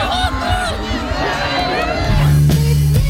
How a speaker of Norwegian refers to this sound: Det var fest på Rådhusplassen i Narvik i dag, med tusener av frammøtte og jubel for den nye kongen.